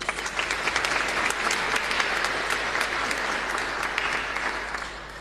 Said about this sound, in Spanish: Y también agradecer a los niños, padres de familia, animadores, coordinadores, catequistas de la etapa catequesis familiar, comunión 1, que hoy nos ayudaron en la liturgia. Muchísimas gracias. Les animamos también a ellos con aplauso.